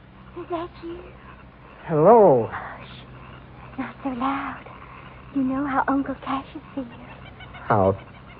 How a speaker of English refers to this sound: The bird called. I better answer.